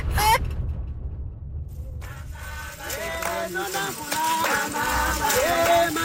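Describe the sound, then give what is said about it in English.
A chicken squawks repeatedly in shrill, wavering cries over a busy outdoor background with low rumbling, the calls fairly loud in the second half. “Well, maybe not so happy for the soon-to-be chicken.”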